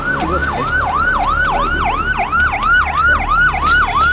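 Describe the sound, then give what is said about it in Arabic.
A police car siren wails in a fast, repeating yelp as police rush to a crime scene at an apartment in Alexandria, its pitch sweeping up and down steadily and loudly throughout, with a low rumbling background beneath it. “بطبيعة الحال تم تبليغ الشرطة اللي جات على جناح السرعة.”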